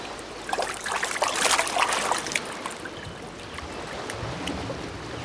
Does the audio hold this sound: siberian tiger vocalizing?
no